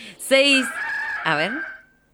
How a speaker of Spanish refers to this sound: Una vez teníamos los amigos de los gallos amigos de Juan Carlos, que era un oyente que nos había mandado de verdad el sonido de los gallos que tenían en su casa, así que imagínate.